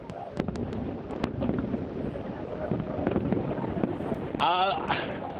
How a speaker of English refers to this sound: I think everyone is just too wowed by the fireworks, and to hammer home how many people are here, none of our cell phones are working.